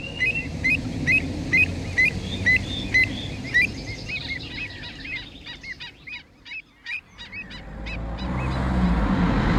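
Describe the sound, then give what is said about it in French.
A flock of migrating birds calls repeatedly, honking like geese in a steady overlapping chatter, over a low rumble of wind or ambient noise; no one speaks. “J'observe les oiseaux migrateurs.”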